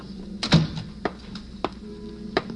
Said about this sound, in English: Noon at police headquarters, the opening door.